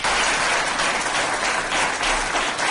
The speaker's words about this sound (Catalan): El moment del qual el públic omplia la sala i tots els regidors i regidores dempeus tributaven un llarg aplaudiment cap a Maria Carme Cardó.